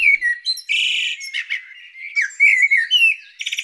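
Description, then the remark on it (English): A blackbird sings a rich, fluting phrase with big leaps in pitch, mixing clear whistles with buzzy, rattling notes, fairly loud with no other sounds around it. “Huge pitch changes. The timbre is going to be tricky.”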